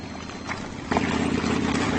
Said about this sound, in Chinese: 但是今天，一些游牧民骑上了摩托车。他们用摩托车隆隆的马达声驱赶牲畜。